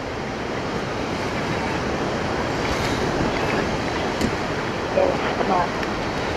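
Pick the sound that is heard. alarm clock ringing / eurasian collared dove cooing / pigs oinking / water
water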